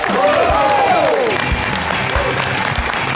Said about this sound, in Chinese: 那接下来掌声有请著名的相声演员刘伟老师。